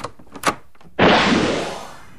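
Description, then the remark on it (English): A door marked 1968 opens: two quick handle or latch clicks, then a loud, broad whooshing rush as it swings wide, the noise slowly fading away. No one speaks. “Today, let's open the door marked 1968, shall we?”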